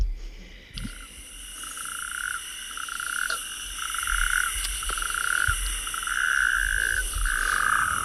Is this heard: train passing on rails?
no